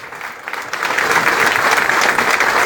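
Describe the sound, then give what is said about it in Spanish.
Sustained applause from a large standing audience in tribute to the late Padre Ángel, a dense wash of clapping that swells quickly in the first second and then holds steady and loud throughout. “Y que continúen los aplausos.”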